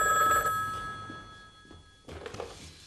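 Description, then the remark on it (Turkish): A telephone bell rings loudly and steadily with a bright metallic trill, then cuts off, followed by a soft thunk and a few faint rustling movements. “Telefon çalıyor.”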